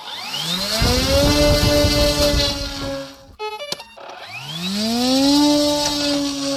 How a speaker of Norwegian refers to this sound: Så forsvinner de ut I mørket, dronene, som ser ut som modellfly og høres ut som kantklippere. Men med seg har de eksplosiver med mål om å ramme russiske forsyningslinjer.